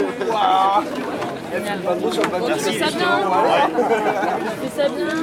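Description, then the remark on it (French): Many voices mingle in steady overlapping chatter, no single speaker standing out, with a few bright bird calls cutting through the busy murmur of a crowd on a harbour quay, where many people gather among sailing boats that are ready to leave the port. “Les voix se mêlent.”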